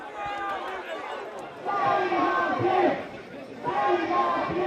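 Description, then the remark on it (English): A furious crowd shouts at police as objects are thrown at them, many voices overlapping in a dense, continuous roar that surges louder in waves, with sharp raised cries standing out above the din. “Objects were thrown at police, furious crowds made their feelings clear.”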